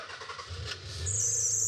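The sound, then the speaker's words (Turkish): A 3-litre, 24-valve V6 car engine cranks over with rapid rhythmic pulses, then catches and settles into a steady idle, joined by a sustained high-pitched belt squeal once it fires. No one speaks. “Kayıştan küçük bir gıcırdama geldi. Ama toparladı.”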